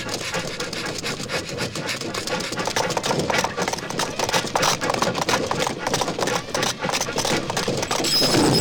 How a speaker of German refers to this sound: Die Daltons springen zur Seite und der entgleiste Zug rast durch den Sand weiter.